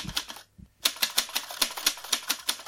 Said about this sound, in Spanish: La máquina de escribir. Y la máquina de escribir tiene un sonido que en las redacciones